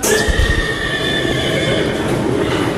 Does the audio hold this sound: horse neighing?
yes